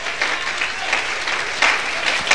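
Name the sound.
audience applause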